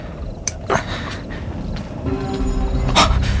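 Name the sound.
dog panting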